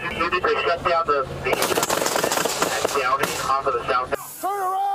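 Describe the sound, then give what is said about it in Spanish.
A rapid, loud barrage of gunshots from several weapons erupts after shouting voices, as the driver of a reportedly stolen BMW, who crashed into a police patrol car, opens fire on Los Angeles police officers and they return fire; the cracks overlap for a few seconds before a voice cries out as the firing stops. “Según la policía de Los Ángeles, el conductor de un BMW reportado como robado chocó contra una patrulla y luego abrió fuego contra los oficiales tras salir del vehículo.”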